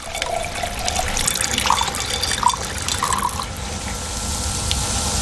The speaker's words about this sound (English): 克里斯兰登教授把稀释的酸倒进装有贝壳的缸里，以此演示地球海洋的未来前景。